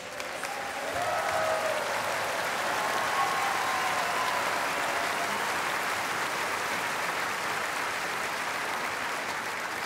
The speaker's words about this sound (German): Geben Sie einen riesen Applaus